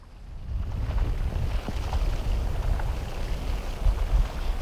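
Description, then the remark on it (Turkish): The ice of a freezing lake shifting, its layers heaving up and down: a steady, heavy low rumble that swells and churns throughout, with a few faint ticks and creaks rising above it. No voices. “Göl sanki nefes alıp veriyor. Buz katmanları inip kalkan göğsü gibi kıpırdanıyor.”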